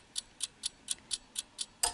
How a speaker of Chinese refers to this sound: 隐约听到滴答滴答，你屋企嘅仲有冇呢啲嘅钟嘅钟声啊？